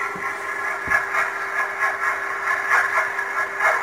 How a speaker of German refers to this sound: Das ist ein Überwasserdampfer, ein Containerschiff von dem. Aha. Die Schraube so ein bisschen ins Wasser reinschlägt.